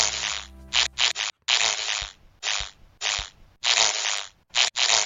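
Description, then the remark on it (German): Ladybird wings whir in a series of raspy, buzzing bursts, about eight in all, each lasting a fraction of a second and broken by short silences, with no voices. “Das ist der Marienkäfer.”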